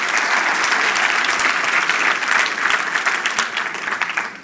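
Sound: audience applause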